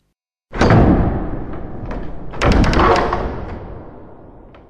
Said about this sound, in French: Il se barbouilla la figure de noir, enfonça bien sa casquette et s'en vint frapper à la porte du château.